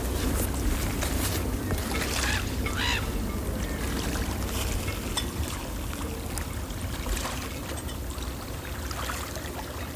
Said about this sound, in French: ambiance mat bateau sur golfe du Morbihan calme.